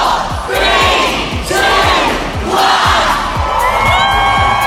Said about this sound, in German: Also abertausende Fans haben sich auch heute versammelt, haben den Countdown gestartet um kurz vor 11.